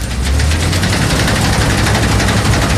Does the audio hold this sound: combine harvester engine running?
yes